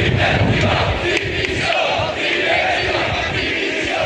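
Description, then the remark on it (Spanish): A large crowd of Sevilla FC fans, 8,000 to 10,000 by police sources, protesting against the club's board of directors in Seville, chants loudly in unison, a dense wall of massed voices that swells and pulses rhythmically without pause for several seconds. “Este es el grito que más se repetía entre los aficionados sevillistas que se manifestaron ayer, entre 8 y 10 mil, según fuentes policiales.”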